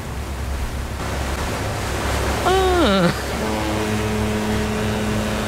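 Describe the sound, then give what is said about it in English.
Steady, wide rushing rumble of open sea aboard an ocean liner on a sea cruise, with a brief gliding tone around the middle followed by a sustained low, buzzy horn-like drone. “Now we all know where we are. We're on open sea. On a sea liner.”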